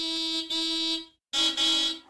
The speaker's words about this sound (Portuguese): Será alguém num carro a buzinar? Um conjunto de patos a atravessar uma ponte? Ou um lobo a uivar? E a resposta correta é... alguém a buzinar num carro.